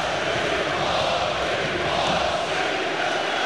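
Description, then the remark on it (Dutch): A stadium crowd at the Grolsch Veste roars after FC Twente striker Wout Weghorst scores a penalty. The steady, dense wash of cheering stays loud and unbroken for the whole stretch, with no single voice standing out. “Ja, en dan kan het publiek in de Grolsvesten voor het eerst uit zijn dak gaan.”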